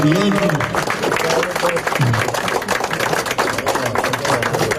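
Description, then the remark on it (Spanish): An audience applauds with steady, dense clapping that fills the whole stretch at an even loudness, while a few voices talk over the noise, at a ceremony in San Nicolás where a protected-monument seal is being placed. “Medio aplauso, nos está colocando el sello de monumento protegido.”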